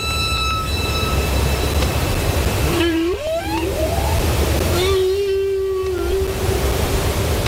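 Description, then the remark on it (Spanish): Humpback whale song with a few rising, whooping calls and then a long, steady moan, all over a constant wash of underwater hiss and rumble. “Los cánticos de las ballenas jorobadas que antes escuchábamos”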